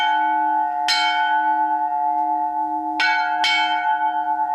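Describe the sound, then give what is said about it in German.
A newly cast church bell rings loud, three bright strikes whose deep, steady hum sustains throughout, each new stroke layering over the lingering tone. “Und dann hoffen wir, dass sie ewig läutet.”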